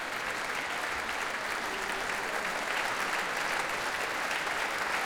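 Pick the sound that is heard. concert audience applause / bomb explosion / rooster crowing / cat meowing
concert audience applause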